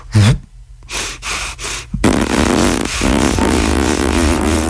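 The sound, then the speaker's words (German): A few quick breathy puffs, then a sustained, sputtering buzz as a person pushes air out through the lips from puffed-up cheeks while continuing to breathe, like a small bagpipe in the mouth; a fart-like raspberry tone lasting several seconds. “Und dann drücke ich die Luft mit so einem Pupston aus den Wangen raus, während ich weiteratme.”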